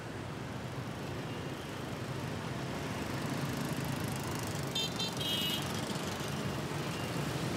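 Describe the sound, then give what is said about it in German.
Dense, steady roar of engines, like many scooters and cars passing on a busy street at Hoan Kiem Lake in the centre of a bustling Vietnamese city of millions, with a few faint high beeps or horn tones about two-thirds through. “Der Hoan Kim See im Zentrum der pulsierenden Millionenmetropole.”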